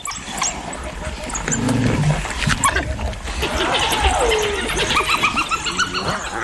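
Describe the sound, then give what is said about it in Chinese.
Two spotted hyenas and a whole pack of African wild dogs call together in a loud, chaotic clamor of high twittering chirps, squeals and a rising-falling whoop, continuous throughout. “哦，是斑猎狗，斑猎狗来了，这下可热闹了。”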